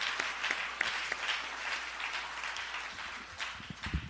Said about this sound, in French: Alors, à nous, bon Dieu, gloire, à nous, applaudis bon Dieu pour ça. Amen.